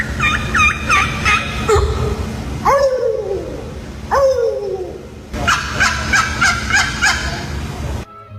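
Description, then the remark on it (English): Turkey gobbling calls in rapid, warbling bursts, with a few drawn-out, falling yelps between them, over a steady low rumble of background noise. No one speaks. “The first one, I've never heard a turkey sound like that.”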